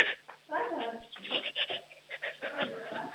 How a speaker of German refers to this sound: Ich höre da nur jemanden atmen, wer ist denn da dran?